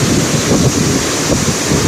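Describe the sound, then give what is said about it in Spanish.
A heavy rain downpour on a Friday in San Pío and Itagüí roars steadily and loudly, a dense unbroken wash of noise, with no voices or pauses for the whole moment. “Vea, vea el aguacero el viernes desde San Pío y Itagüí.”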